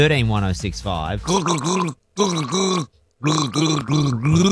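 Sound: person gargling a song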